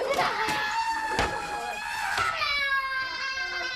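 A distressed, restrained woman patient screams and yells in a high, strained voice, loud, with sustained wailing cries that rise and fall without a pause, after quarrelling with her husband's brother's wife.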